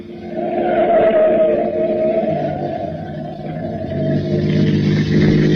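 A car engine roars loudly and steadily as the car is driven fast through an intersection turn to chase a truck, its pitch rising and shifting as it revs, with no voices over it.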